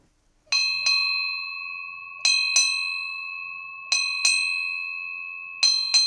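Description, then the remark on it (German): A ship's bell on a river burial ship in Rhineland-Palatinate, Germany, rings eight times in four evenly spaced pairs after a river burial, each clear metallic strike ringing on and overlapping the next. It is bright and alone, with no voices. “Acht Glockenschläge. Eine alte Seefahrertradition.”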